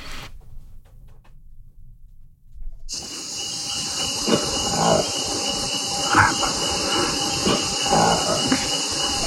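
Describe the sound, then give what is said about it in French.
A newly discovered species of monkey, filmed in a tropical rainforest, grunts and lets out a few short, rising howls against a loud, steady high-pitched hiss of rainforest insects. A quiet low rumble precedes it for the first few seconds. “c'est une nouvelle espèce de singe qui a été filmée en train de grogner et de hurler dans les forêts tropicales”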